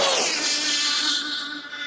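The world's fastest remote control car whizzes past at over 200 miles per hour in a record run of 256 mph, with a piercing, buzzing motor whine that drops sharply in pitch, then holds a steady high drone as it speeds away. No voices.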